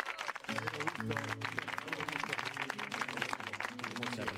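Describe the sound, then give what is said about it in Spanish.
An audience claps loudly and steadily for a few seconds, a dense, continuous patter of many hands, with voices mixed in underneath, welcoming guest Jerónimo Rauch on the show Vida y Obra. “Jerónimo Rauch, vamos a aplaudirlo.”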